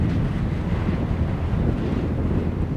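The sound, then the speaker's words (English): Strong, steady wind on a mountain ridge roars and buffets the microphone with a deep, constant low rumble for the whole stretch, loud, with no voices. “It's really windy up there.”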